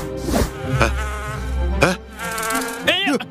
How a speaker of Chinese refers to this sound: 哪来的蜜蜂？